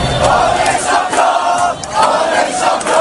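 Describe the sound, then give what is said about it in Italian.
A large crowd of people in Paris roars and shouts in jubilation at 9 p.m. as PSG win the Champions League final against Arsenal after extra time and penalties, a dense, sustained wall of overlapping voices with surging bursts of cheering and no single speaker standing out. “Dopo i tempi supplementari e i rigori, alle 21 il grido di gioia. On est champion, siamo campioni.”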